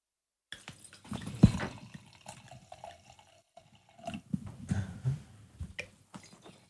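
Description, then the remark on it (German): Wine from a freshly opened screw-cap bottle is poured into a glass, a soft, gurgling trickle in two short bursts with faint splashing, quiet overall and with no talking. “Und jetzt gießen wir ihn ein.”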